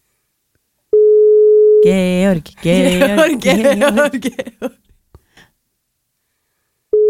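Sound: telephone call ringing tone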